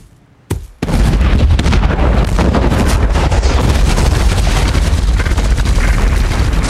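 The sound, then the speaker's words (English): Buried mines, set off by apples tumbling down a pyramid of supplies, explode: a brief sharp pop, then a huge fiery booming blast that destroys the supplies and swells into a loud, sustained roar with deep rumbling and crackling debris raining down for several seconds, no voices. “The fiery blast obliterates the supplies and knocks Katniss off her feet.”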